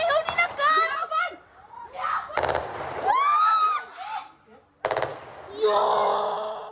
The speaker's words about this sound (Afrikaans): Terwyl die verwikkeling verwelkom word, is die gemeenskap van Nieuwkleer, wes van Johannesburg, Saterdag aand egter in vrees en angs gehul, toe die skote begin klap.